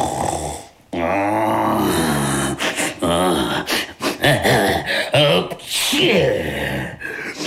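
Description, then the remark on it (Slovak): A voice imitates a dragon's heavy snoring: several loud, rasping, drawn-out snores with wavering pitch, each separated by brief pauses, like a saw dragging back and forth through wood. “Šarkan chrápe, ako by drevo pílil.”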